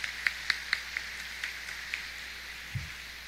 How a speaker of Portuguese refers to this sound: É muito raro acontecer de coincidir o dizimista estar na missa. Uma salva de palmas.